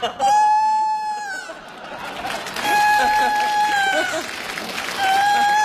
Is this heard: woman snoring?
no